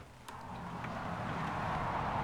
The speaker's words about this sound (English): So we're walking out the front of the house. And, you know, obviously, you have a lot of noise from the A5 as cars whiz past. That's why the trees, apart from giving shelter, they sort of cut down the sound as well, you know, the noise.